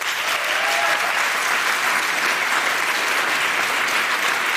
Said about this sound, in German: Ihr dürft jetzt gleich einmal für euren Favoriten klatschen. Wer von euch ist denn lieber auf dem Rad unterwegs?